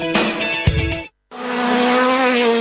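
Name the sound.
rally car engines roaring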